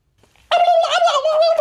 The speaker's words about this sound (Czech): Ty vole, krocan.